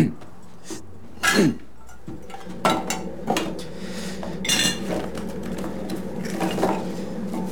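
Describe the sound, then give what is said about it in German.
A spoon clinks against a ceramic cup in a handful of bright, irregular taps while tea is being made, over a steady low hum with soft handling noises between the chimes. “Und kipp immer das Wasser zuerst rein, dann die Milch.”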